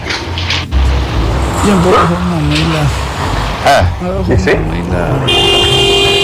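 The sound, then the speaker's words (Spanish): A car horn honks amid steady road and engine noise in Luque, its blaring tone sounding in a few bursts while voices talk over the traffic. “¿Qué pico está dando la bocina?”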